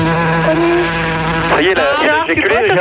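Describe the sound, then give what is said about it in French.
A large blowfly buzzes loudly around a person, a steady drone that starts wavering and swooping in pitch as it circles around. “Il y a une mouche à merde qui tourne autour de toi.”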